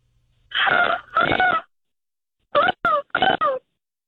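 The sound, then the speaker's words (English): Someone mimics a seagull with their voice: two long, wavering cries, a short pause, then three quick, sharp squawks, all loud and high-pitched against silence. “But yes, please, do a seagull.”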